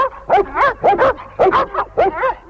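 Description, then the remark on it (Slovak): Several dogs, urged on as Rexo and Tiger, bark and yelp in a rapid, overlapping burst, about eight sharp barks in quick succession, loud, sounding excited as they give chase. “Na nich, Rexo, Tiger, na nich. Nech ich len naháňajú.”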